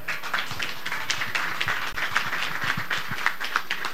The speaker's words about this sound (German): Es gibt einen großen Applaus.